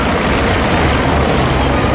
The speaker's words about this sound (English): Two helicopters just flew by, one after the other. The first one trailing a giant Canadian flag. The second one flying the American flag, the Stars and Stripes.